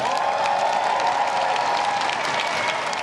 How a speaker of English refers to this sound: Tradition dictates the applause doesn't stop when an arriving Prime Minister crosses Number 10's threshold for the first time.